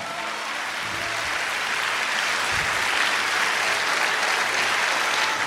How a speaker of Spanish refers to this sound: Vamos, démele un aplauso fuerte a Jesús.